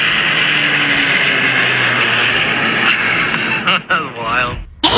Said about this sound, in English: So you can see how close this plane was flying to the houses in our neighborhood.